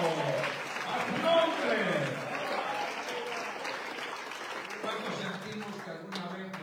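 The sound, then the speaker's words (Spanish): An audience applauds steadily for several seconds, a dense wash of many hands clapping at an even loudness, with some voices and cheers mixed into the noise. “Después de ese aplauso.”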